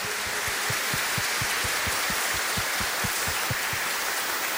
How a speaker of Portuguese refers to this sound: Vamos dar uma salva de palmas pro coral e para as crianças? Muito obrigado.